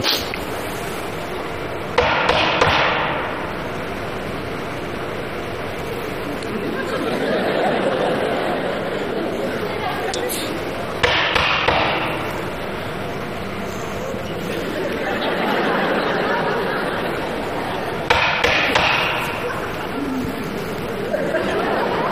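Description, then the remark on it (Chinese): Three short bursts of rapid, sharp knocking on a door, performed on stage in a comic act, spaced several seconds apart, with a murmuring crowd and scattered laughter filling the gaps between them. “你这不敲门的吗？”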